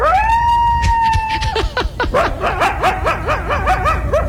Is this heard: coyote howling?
yes